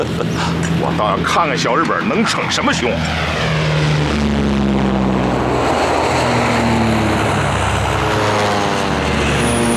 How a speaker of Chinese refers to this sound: 敌机，告诉我这是什么？注意隐蔽！ 飞机来了，注意隐蔽！ 注意隐蔽！